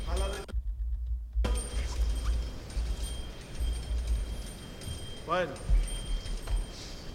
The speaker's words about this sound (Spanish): Se escuchan tanto dentro como fuera. Vamos a guardar momentáneamente silencio para que también se escuchen estas campanas.